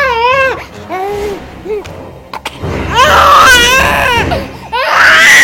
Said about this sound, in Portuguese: O choro ecoava no silêncio daquela madrugada.